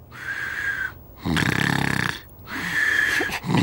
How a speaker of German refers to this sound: Als Prisemut ins Schlafzimmer kam, schlief Nulli bereits tief und fest und schnarchelte ziemlich laut vor sich hin.